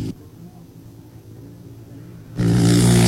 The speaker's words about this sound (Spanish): Aquí viene otra moto más. Viene otro auto. Moto 347. Auto. El auto 561.